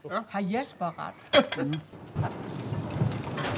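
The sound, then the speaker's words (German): A voice speaks briefly, then a steady, loud rush of rain and blustery wind takes over, with a sharp clatter in between, like stormy weather on the island of Livø. “Erst recht im Winter, wenn es hier regnet und stürmt, müssen sie füreinander da sein.”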